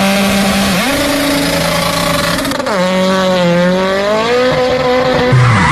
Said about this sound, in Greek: Αμάν, πάει το λάστιχο, πάει και η ζάντα στη μέση του δρόμου.